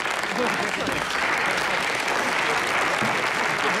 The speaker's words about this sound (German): Danke, danke, danke, danke. Aber dieser Applaus steht nicht mir zu, sondern meinem Team.